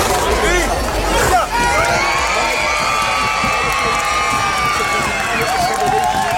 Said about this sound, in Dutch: En het is de dag voor Prinsjesdag en dat betekent op het strand van Scheveningen veel geschreeuw.